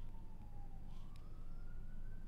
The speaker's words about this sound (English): I can hear the sounds of sirens outside the radio on here on the Southern Downs. We're broadcasting live from Warwick, Victoria Park.